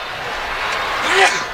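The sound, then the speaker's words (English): A single sharp sneeze bursts out near the end during a live baseball game broadcast, briefly rising above a steady hiss of background noise, with a short voiced edge to it. “You know, there's a cough button, but no sneeze button.”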